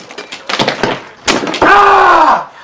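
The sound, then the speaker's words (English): In a kitchen, a hammer smashes a large block of ice from the freezer with a few sharp cracking blows and a crunching break, followed at once by a loud, sustained cry of pain as the man smashes his thumb. “He rummages about in the fridge freezer and takes out a large block of ice, which he hits with a hammer.”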